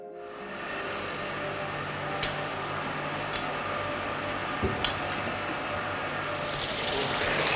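Water pours steadily into a bowl at an aquarium, filled only halfway so blue jellyfish can be put in while their tank is cleaned, a continuous broad splashing rush with a few small clinks, swelling slightly louder near the end as it fills.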